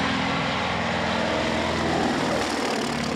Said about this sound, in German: Der Sound, die Motoren, das Fliegen in niedriger Höhe natürlich auch, der Ausblick.